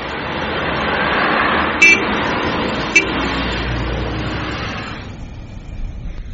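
A car drives past, a broad rushing engine-and-tire noise that swells loudly, holds, then fades away after about five seconds, with a couple of brief high chirps along the way.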